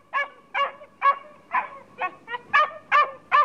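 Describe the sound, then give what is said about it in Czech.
A dog named Fernando barks nine times aboard a stranded shipwreck, in a steady, quick rhythm, each bark short and sharp and clear with no talking over it. “Ty můj pejsku! Tak přece jenom tu nejsem sám.”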